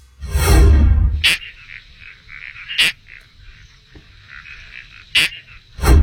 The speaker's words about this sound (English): It's like you're kind of getting zapped or something, doesn't it? Yeah, it sort of sounds like you're stepping on it. Yeah. The noise when my cats make, if you step on them. How do you feel about that one? Okay. It's a toadlet species. Correct.